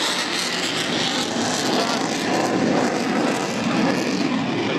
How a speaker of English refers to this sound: Yes, the sun is setting over Mindle Beach and we can see the plane almost on its half axis, pulling over the crowd, pushing up.